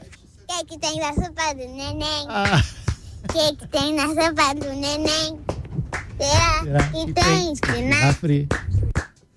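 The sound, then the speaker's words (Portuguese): A young girl sings a simple children's song alone, with high, sustained melodic notes and short pauses between phrases for about nine seconds. “ela falou que quer cantar uma música.”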